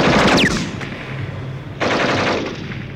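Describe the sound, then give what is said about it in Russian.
A loud machine gun fires in rapid, crackling bursts at tanks; the dense rattle eases briefly, then a second sustained burst kicks in. No one speaks. “Мой пулемет работал точно. Первая же очередь пуль ушла в щель головного танка, машину занесло в сторону, и она встала со всего хода в руках своего мертвого водителя.”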